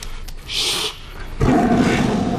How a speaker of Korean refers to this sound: 분노에 찬 이규의 귓가에 범의 포효 소리가 울리고 눈앞에는 검은 범 그림자가 어른된다.